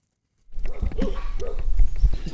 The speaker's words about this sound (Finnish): Tässä tapahtuu niin, että meidät haukutaan heti, kun me päästään paikalle.